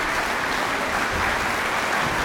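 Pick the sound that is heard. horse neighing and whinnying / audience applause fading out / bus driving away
audience applause fading out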